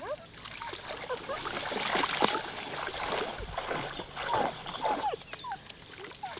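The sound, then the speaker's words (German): A dog splashes into water and paddles about, with repeated sloshing and splattering sounds rising and falling over several seconds against a steady wet background. “Ach nee, auf einmal doch ins Wasser? Das ist aber auch aufregend.”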